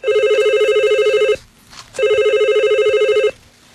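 A telephone rings in a factory office on a Monday morning, in two loud bursts of rapid electronic trilling, separated by a short pause with faint background noise in between.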